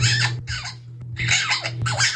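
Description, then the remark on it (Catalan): A parrot squawks in four harsh, raspy bursts separated by brief pauses, loud, over a steady low hum in the background. “Escolta el lloro, que té més visió de futur que tu.”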